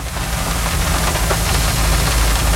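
Rain beats steadily against a car window at night in Norway, a dense, even hiss of drops over a low, constant hum, with no voices and no change in loudness throughout.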